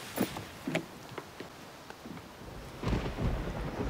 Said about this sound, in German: Wir müssen los, es kommt ein Gewitter.